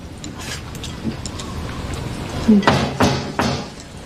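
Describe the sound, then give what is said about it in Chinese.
A few sharp, hollow knocks land in an uneven group, followed by a couple more raps, over a low steady background hum. “嗯，敲门啊。”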